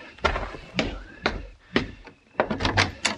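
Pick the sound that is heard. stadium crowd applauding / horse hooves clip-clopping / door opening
door opening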